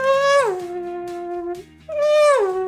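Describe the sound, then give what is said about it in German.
A voice imitates a Formula 1 car passing very close, with a loud, buzzing high tone that swoops sharply down in pitch, a brief pause, then a second whooshing pass that drops the same way. “Er kann ziemlich gut Geräusche nachmachen. Nummer 1, die Ziege. Nummer 2, ein Formel-1-Auto, was sehr knapp an mir vorbeifährt.”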